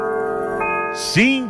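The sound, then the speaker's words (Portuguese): An old clock's chime rings out at 5:44 in the morning with a steady, sustained metallic tone that hangs in the air, then a brief noisy burst and a swooping sound cut in at the end. “Cadê o sinal, aquele relógio antigo que baçoava as badaladas?”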